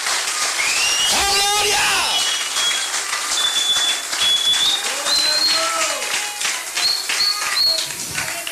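An audience applauds steadily for several seconds to praise God during an evening sermon, dense clapping with shrill whistles and scattered cheers rising above it.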